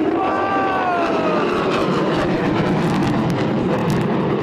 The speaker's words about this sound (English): Look at the airplanes up there. The jets.